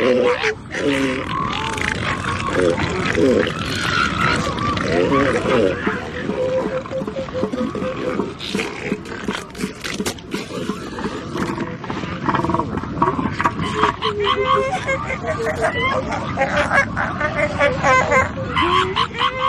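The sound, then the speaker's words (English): A crowded elephant seal colony bellows and snorts nonstop, deep throaty grunts coming from deep within the seals' chests overlapping with pulsing snorts and higher wavering cries, loud throughout. The seals make five main sounds, including pups screeching to call their mothers. “These animals are making 5 main sounds, each with its own function.”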